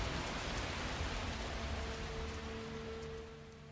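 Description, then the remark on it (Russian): Steady rain falling, a dense continuous hiss with a faint low hum underneath, easing slightly toward the end. No voices. “Когда дождь кончился, белая кошка повела меня через тот же ход, в который я вошел в терновник.”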